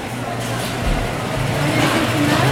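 A car's engine rumbles steadily along a street in Naples, moderately loud, its low hum swelling slightly with broad road noise around it.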